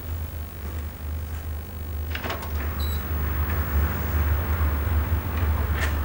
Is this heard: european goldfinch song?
no